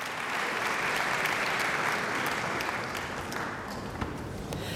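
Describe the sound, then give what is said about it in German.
Sustained applause from a large concert audience for Arabella Steinbacher in the Saarbrücker Kongresshalle, Saarbrücken, at a Deutsche Radiophilharmonie concert, a dense steady wash of clapping at even volume throughout, with no voices rising above it. “Und jetzt Bach, ein Largosatz, viel, viel Beifall aus dem Publikum in der Saarbrücker Kongresshalle.”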